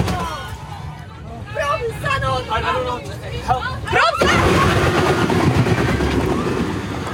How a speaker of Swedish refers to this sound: Ja, det där gör det ju faktiskt inte rättvisad, för det är än värre när man ser det. Men det där när det är ju när bussen kör in i de här vajerräcket.